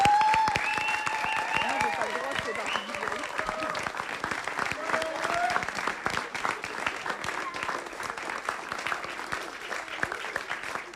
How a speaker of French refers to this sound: Eh ben, on va pouvoir jouer à l'applaudimètre. Est-ce que vous voulez applaudir pour juger le machin qu'on vient de voir et cette présentation ?